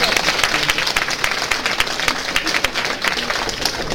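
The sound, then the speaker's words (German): Sustained applause from a sizable crowd for the volunteer jury of a cooking competition for young talents, dense rapid clapping at steady loudness throughout, with no talking standing out above it. “Einen riesen Applaus dafür.”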